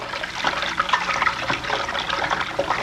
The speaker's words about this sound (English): It was the water running in the sink.